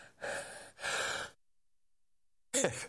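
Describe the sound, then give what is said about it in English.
Sneezing: two loud, breathy bursts in quick succession, a moment of silence, then a shorter, sharper burst with a voiced edge. No speech. “Forgive my all my sneezing here.”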